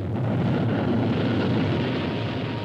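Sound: roar of a rocket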